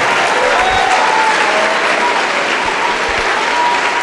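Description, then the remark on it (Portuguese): A large crowd claps steadily and loudly as more people arrive, a dense sustained wash of applause filling the whole space with no pause, a few faint voices barely audible underneath. “Está chegando mais, vamos aplaudir.”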